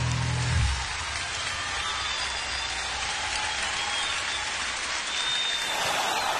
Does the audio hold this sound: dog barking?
no